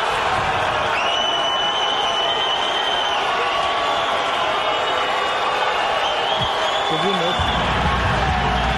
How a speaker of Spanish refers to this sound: Y luego después dice Neymar y todos se vuelven locos y escucha.